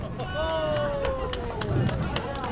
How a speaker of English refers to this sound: the birthday girl and her family applaud a bumper-assisted spare.